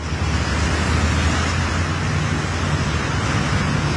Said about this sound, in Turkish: Arkasından da resmen bir dere akıyor.